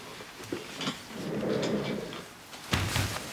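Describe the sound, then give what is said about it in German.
A door in a hospital slides or swings shut with a low rumbling scrape, ending in a solid thud near the end, followed by a little handling noise. No one speaks. “Können Sie bitte die Tür schließen?”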